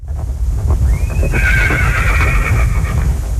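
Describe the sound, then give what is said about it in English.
A horse lets out a long, loud whinny that rises and then wavers for about two seconds, over a steady rumble of hooves clip-clopping. “2026 is the year of the horse according to the Chinese lunar calendar.”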